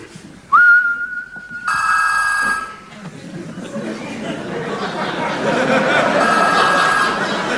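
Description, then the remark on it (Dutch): A sharp, steady whistle makes a keychain send a signal to a telephone, which then gives a loud, harmonically rich ring. This gives way to a wash of crowd noise; later the ringing tone faintly returns beneath the murmur. “En nu, dames en heren, geef de sleutelhanger, wanneer ik fluit, een signaal af aan de telefoon die vervolgens overgaat.”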